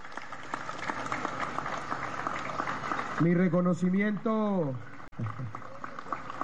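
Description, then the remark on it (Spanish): An audience applauds representatives of the banking sector, donor business owners, the construction industry and businessman Arturo Calle, with dense, steady clapping throughout; partway through a loud voice calls out over the applause before the clapping carries on alone. “Un aplauso.”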